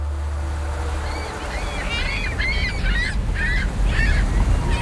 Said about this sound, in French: Ah, il y a quelques goélands. C'est pas mal, hein? Venez là, les copains. Ça fait du bruit, c'est sympa, il est content, le monsieur.